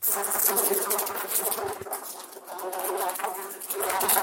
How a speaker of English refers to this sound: He disgusted me much while with him, for when a horrid blowfly bloated with some carrion food buzzed into the room, he caught it, held it exultantly for a few moments between his finger and thumb,